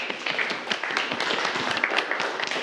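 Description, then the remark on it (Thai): A class of students claps steadily for a few seconds for a classmate who correctly answered a question about blood pressure, a dense, fairly loud patter of many hands with no clear pauses and faint voices mixed in. “ถูกต้องครับนักเรียนปรบมือเพื่อนเลยครับ”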